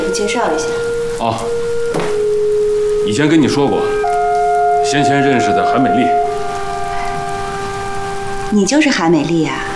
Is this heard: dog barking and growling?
no